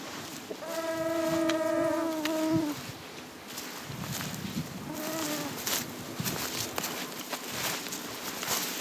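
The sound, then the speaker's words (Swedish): Steady rustling and crackling of leaves and branches as someone pushes through dense leafy vegetation in steep terrain near Tärnaby, Sweden, in summer, amid mosquitoes and blackflies, with a droning insect buzz in the first few seconds and a shorter buzz midway. “Det är en ojämlik kamp mot mygg och knott när vi tränger oss fram genom den täta lövvegetationen.”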